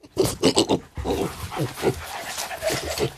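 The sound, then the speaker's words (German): A dog or pig sniffs and snuffles while tracking down truffles growing underground, a quick run of sharp sniffs followed by steady rooting, snorting noises, with no one talking. “Er sieht aus wie ein kleiner, hässlicher Erdklumpen und wird meistens von Schweinen oder Hunden aufgespürt.”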